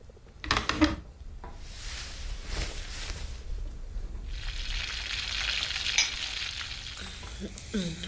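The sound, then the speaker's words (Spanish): A stovetop coffee pot hisses and sizzles steadily as it slowly heats, a broad crackling wash with a few sharper clinks and taps near the start, moderately loud, no talking. “Siempre es lo mismo, se calienta muy lento. Tendré que regalarte una cafetera eléctrica.”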